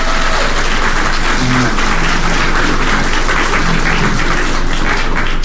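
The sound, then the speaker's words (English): A crowd at a church claps steadily and loudly for several seconds for a woman honored for 25 years of service to the church, a dense wash of overlapping hand claps with no pause, faint murmurs and a few low voices mixed underneath. “Y'all give her another round of applause.”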